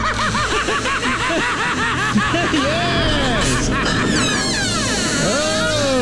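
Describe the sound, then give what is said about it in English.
A squeaky door recording remixed with music: the door creaks in a run of rising and falling squeals layered over a busy, rhythmic music track, with a brief spoken word; the whole mix stays fairly loud throughout. “So there's the psychology of squeaky doors, but what about the psychology of people who collect squeaky door sounds?”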